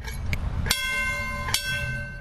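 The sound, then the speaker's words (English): A trolley bell clangs a few times in quick, uneven succession, each strike ringing on with a bright metallic tone over a low rumbling background. “I like the ring the bell too.”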